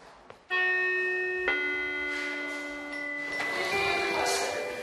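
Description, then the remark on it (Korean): A school lunchtime bell chime rings out loudly, sounding a sequence of sustained, ringing tones that shift in pitch from note to note, with no talking. “점심시간 종이 쳤는데도 그러거나 말거나 녀석 여전히 나 홀로 폭풍 수면 중입니다.”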